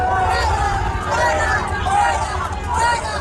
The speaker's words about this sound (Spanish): Gritos de fuera, fuera al presidente del gobierno que llegaba en coche a la nunciatura en el norte de la ciudad de Madrid.